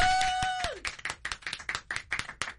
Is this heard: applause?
yes